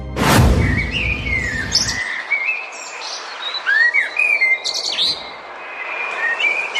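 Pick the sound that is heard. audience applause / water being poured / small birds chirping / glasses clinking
small birds chirping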